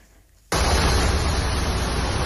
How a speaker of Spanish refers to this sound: Durante la tarde, los bomberos de Cataluña han atendido a más de 200 incidencias por estas lluvias que están escuchando.